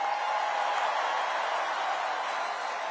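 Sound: fans cheering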